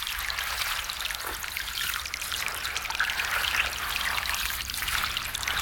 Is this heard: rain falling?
yes